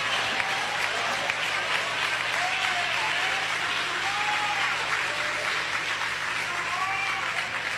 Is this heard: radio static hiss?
no